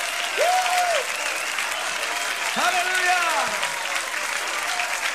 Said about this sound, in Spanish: Dale un fuerte aplauso.